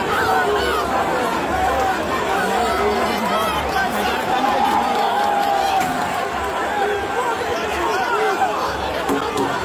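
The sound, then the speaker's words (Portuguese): A dense, restless crowd din of agitated Corinthians football fans packed into stadium stands, overlapping voices shouting and murmuring at once, loud, with no single voice standing out. “Os torcedores do Corinthians estão nervosos aqui.”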